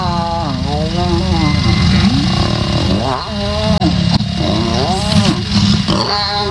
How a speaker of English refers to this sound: Now that I play lion mating again there, I want to say lion mating sounds like a severely injured Chewbacca. Like if Chewbacca... Chewie's down? If Chewie gets hurt or shot and he's bleeding out.